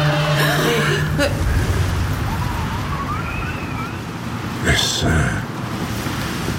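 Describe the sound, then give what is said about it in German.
Wind gusts steadily in a broad, rushing roar, swelling in a couple of stronger bursts, with faint, indistinct voice-like murmurs beneath. “Es war nur der Wind.”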